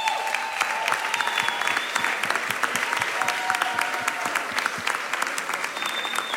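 An awards audience applauds the winner of a new best performance award, dense clapping sustained at a steady level for several seconds, with faint whistles or cheers rising above it and no speech.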